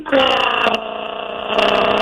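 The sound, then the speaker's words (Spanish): A voice imitates a wife's loud snoring with a continuous, raspy, buzzing rumble held for about two seconds, forceful, swelling slightly toward the end like a truck engine braking downhill. “Oye, pero mira, al segundo día que nos casamos, eso se oía así como un trailer de bajada.”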